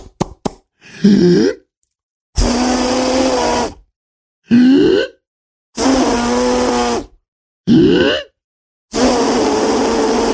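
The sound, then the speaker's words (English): A voice imitates a giant's failed attempt to whistle with his lips: a series of about six breathy, hissing blows through the lips, some ending in short rising squeaks and hums, separated by brief silences, with no clear whistled tone. “The giant said, "Oh, fiddlesticks, I can't whistle."”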